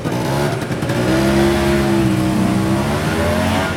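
A motor scooter engine revs, its buzzing pitch climbing and then holding steady at a loud, constant level for a few seconds, with no voices.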